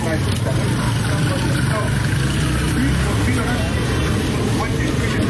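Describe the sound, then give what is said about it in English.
A busy street in Lagos, Nigeria: a constant rumble of traffic and idling engines mixed with a dense murmur of many voices, loud, with no pauses. “sounds of the street in Lagos, Nigeria. Traffic, people, music, a crush of humanity you won't find anywhere else.”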